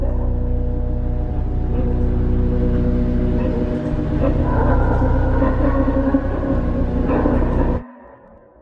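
A steady, droning engine hum from an Israeli army Hermes 900 military UAV drone (16-metre wingspan, 1,100 kg) flying overhead, with layered low tones and a faint higher whine, holds at a constant loudness, then cuts off abruptly near the end, leaving quiet.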